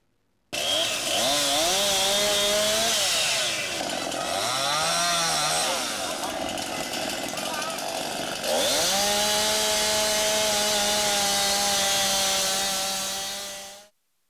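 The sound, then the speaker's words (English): Loud chainsaws cutting trees at full throttle in Kearney, Nebraska, southeast of UNK, less than 30 minutes after the rain stopped, roaring steadily at high revs, pitch dipping and bogging down as they bite into wood, then recovering to a sustained high whine before cutting off. “Chainsaws at full throttle less than 30 minutes after the rain stopped.”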